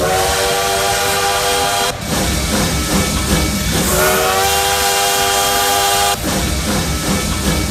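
A train's steam whistle blows in two long, loud blasts over a continuous rumbling, hissing engine noise, with no one speaking.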